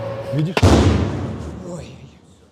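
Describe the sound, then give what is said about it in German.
A Russian drone's explosive charge detonates after the drone misses its target: a sharp, powerful explosion erupts suddenly, followed by a long rumbling roar that slowly fades out; a faint voice can be heard low in the background before the blast. “Diese Drohne hat ihr Ziel verfehlt. Ihre Sprengladung ist trotzdem explodiert.”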